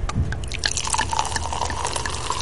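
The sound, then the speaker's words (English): Steady crackling fizz of André Brut sparkling wine, carbonated in vats before bottling, just opened by twisting its plastic cork, with large bubbles rising to the top, many tiny bubbles popping in quick irregular bursts and a faint liquid hiss throughout, no voices. “And it came right out, and large bubbles are rising to the top.”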